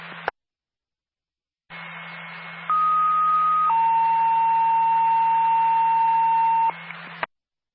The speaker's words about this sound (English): Hello, the ambulance personnel. Stand by for a tone.